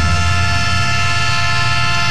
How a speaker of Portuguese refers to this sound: Pegar o nosso trenzinho e partir. Nosso trem chegando aí.